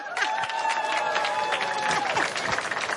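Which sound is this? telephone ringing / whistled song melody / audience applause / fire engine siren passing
audience applause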